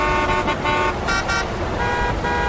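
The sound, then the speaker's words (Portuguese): Cars rush past on a busy road outside a school while horns honk repeatedly, steady loud traffic noise filling the background with sustained, tonal blasts layered on top. “A garotinha Suzana, sozinha, de dentro da escola, olhava assustada os carros correndo lá fora.”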